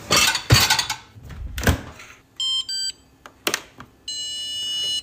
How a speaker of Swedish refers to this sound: Ja, du har ju en diskmaskin som låter så här.